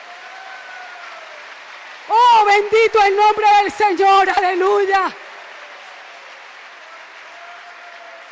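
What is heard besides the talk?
audience applauding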